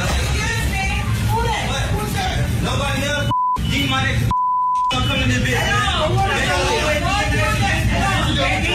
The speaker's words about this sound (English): Based upon the beeps and the amount of people in that facility, that's Popeyes.